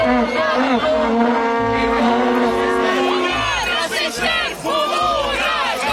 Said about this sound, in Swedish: Många protesterar, saboterar deras möten med koskällor, med visselpipor, burop.